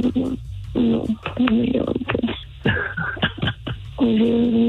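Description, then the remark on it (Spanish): Short electronic beeps, like phone keypad tones, sound over a telephone line while a person talks, the narrow-band phone audio fairly loud. “¿Estás marcando?”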